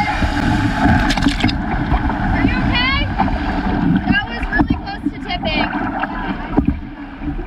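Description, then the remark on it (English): Water sloshes and splashes steadily around a canoe as paddles move through it, with gusty wind buffeting the microphone and faint, indistinct voices in the background. “All right, let's just paddle.”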